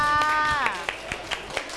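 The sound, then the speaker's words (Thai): A young voice speaks briefly, then a handful of scattered, uneven hand claps follow, moderately loud, like a small group of children applauding a classmate who helped open a water bottle. “โอ้โหเยี่ยมมากเลยค่ะปรบมือให้เพื่อนค่ะ”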